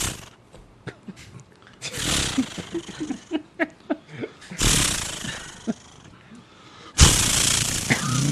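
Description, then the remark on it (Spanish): A voice imitates starting a chainsaw, sputtering through short choppy pulls before breaking into three loud, raspy revving roars, alone. “No, eso es una motosierra. Que hay que prenderla.”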